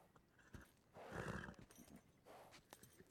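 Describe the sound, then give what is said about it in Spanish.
A very unruly thoroughbred horse neighs loudly in a long, harsh whinny, with scattered, restless hoof clops and stamping around it, then a second shorter neigh near the end. “Un caballo muy rebelde, señor. Es un pura sangre, coronel.”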